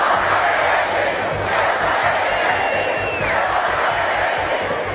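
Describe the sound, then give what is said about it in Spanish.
Thousands of protesters in Madrid chant and shout "Ceuta no se vende, Ceuta se defiende" together in a steady, loud roar at a rally in Plaza de Cibeles supporting Ceuta, with a single whistle sliding down in pitch partway through. “Miles de madrileños salieron a la calle al grito de Ceuta no se vende, Ceuta se defiende.”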